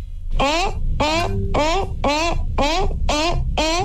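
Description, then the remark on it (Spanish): A voice imitates a seal, letting out about seven short, rising, honking barks in a steady rhythm, loud, with no other talking. “Mi foca está cool, dice.”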